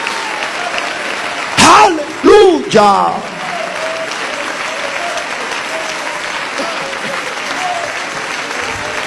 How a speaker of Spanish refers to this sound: Ponte de pie y dale ese aplauso de alabanza a Jesús. Ponte de pie y dale ese aplauso de alabanza al Cristo de la gloria.